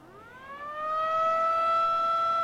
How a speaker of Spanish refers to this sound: el sábado, este sábado, entre el sábado 13 y domingo 14, para que usted lo entienda, en la noche de madrugada, va a sonar la sirena así.